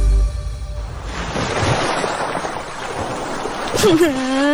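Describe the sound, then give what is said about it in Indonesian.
Ocean waves wash onto a beach in a steady, loud rushing surge, with a low droning hum at the very start and a brief rising voice-like tone near the end. “Udah, daripada kamu galau terus, mumpung lagi di pantai, tulis deh kekesalan kamu. Masukin botol, terus buang deh ke laut.”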